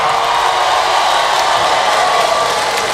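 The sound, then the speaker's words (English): A loud, steady roar of audience cheering with scattered clapping mixed in from married people in the audience of a Cat Williams stand-up comedy show, holding at an even level for about three seconds without a break and with no talking over it. “Married people, make some noise.”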